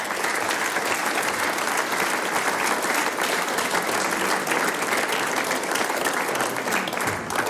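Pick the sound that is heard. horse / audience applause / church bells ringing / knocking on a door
audience applause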